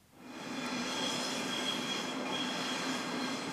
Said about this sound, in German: Züge brettern über die Schienen, Fahrgäste laufen über die Treppen, vorbei an einem lächelnden Herrn in grauem Mantel und Hut mit breiter Krempe.